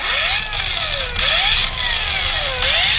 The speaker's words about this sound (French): Le port de pêche de Tyr est calme en cette fin juin. Une majorité des pêcheurs sont à quai, réparent leur filet, leur bateau,